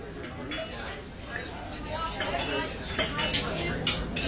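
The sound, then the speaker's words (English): Dishes and cutlery clink and clatter in quick, irregular bursts at a dinner party, bright metallic taps layered over a steady murmur of indistinct conversation. “Can you tell if the leftovers from this dinner party are beginning to grow bacteria that could lead to severe diarrhea, vomiting, and stomach cramps?”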